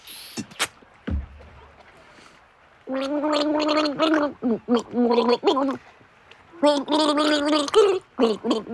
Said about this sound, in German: Jetzt geht's ans Gurgeln, an meine Gurgeln. Ich werde dir jetzt 3 Lieder vorgurgeln. Ja. Und du musst sie erraten, okay?